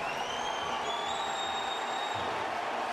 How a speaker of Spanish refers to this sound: Viene el cambio de Portland y es Valeri el que va a entrar por Van Ronkin. Y escuchen este aplauso para Diego Valeri.